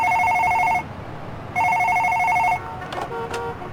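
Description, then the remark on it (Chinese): A telephone in a home rings twice in the evening, each burst a loud, steady electronic trill about a second long with a pause between, followed by faint clicks as the ringing stops. “在这天傍晚突然接到了一个令他意想不到的电话。”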